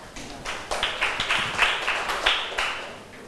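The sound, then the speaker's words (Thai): A small group of students in a classroom claps for a classmate at the teacher's request, in a brief, uneven patter of overlapping hand claps, fairly loud, lasting a few seconds with no talking over it. “เชิญค่ะปรบมือให้เพื่อนหน่อย”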